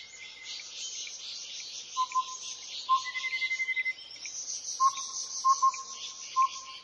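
Clear, crisp bird whistles ring out in short repeated notes over a steady, dense hum of chirping insects, with a quick rapid trill in the middle and no voices, at Fushan Botanical Garden in Yilan.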